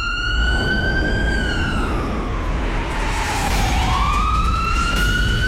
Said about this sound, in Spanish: Es que como no hay un sonido de sirena como tal, le puse sonido de ambulancia.